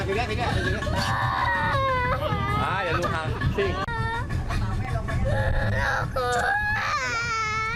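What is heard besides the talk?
young child crying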